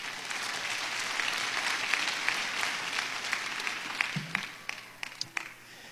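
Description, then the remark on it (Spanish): A church audience applauds Christ with dense, steady clapping that thins out toward the end into a few scattered, sharper claps. No one speaks over it. “Dale palmas a Cristo.”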